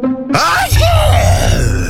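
A loud, theatrical sneeze by a man at a hearth, so forceful that it raises a column of ash: a sudden forceful burst followed by strained, wavering groaning sounds and a low rumbling tail, dominating.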